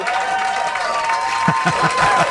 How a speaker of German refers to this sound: Super. Hier kommt ein Applaus.